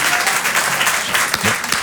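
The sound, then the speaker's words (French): A crowd breaks into steady applause, a dense, continuous wash of clapping hands that stays loud and even throughout, with no voices rising above it. “Moi aussi, je m'applaudis, parce que...”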